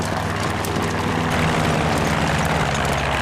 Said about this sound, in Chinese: 侦察机来了，我们战机马上就到，抓紧时间，快！